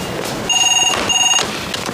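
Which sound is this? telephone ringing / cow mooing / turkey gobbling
telephone ringing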